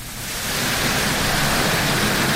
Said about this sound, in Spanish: Granizo, señores. Hace 10 minutos en Minera Centinela. Oye, mira cómo caen en diagonal de costado y cómo golpean ahí toda la estructura de la minería.